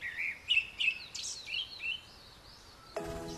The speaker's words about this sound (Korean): 여름 새들의 노랫소리와 함께 계절이 깊어갑니다.